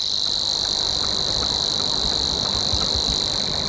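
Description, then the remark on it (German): A Savi's warbler's reeling song: one unbroken, insect-like buzzing trill at a steady mid-high pitch, loud and even throughout, over a low rumbling background with no voices. “Bei uns gibt es drei davon, nämlich noch den Rohrschwirr, der dann eher das Schilf mag und ein bisschen wärmer klingt, so hier.”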